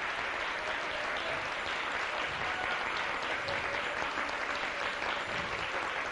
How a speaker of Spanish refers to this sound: Dale un aplauso al Rey, un aplauso bien fuerte. Bien fuerte, bien fuerte.